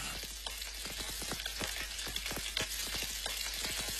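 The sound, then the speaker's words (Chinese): Batter-coated chicken pieces sizzle steadily as they are pan-fried in a generous amount of hot oil, a dense continuous crackle punctuated by frequent sharp pops and spits, with no talking. “鸡块在热力的烘托下逐渐呈现出微黄，鸡肉的鲜香被锁住。”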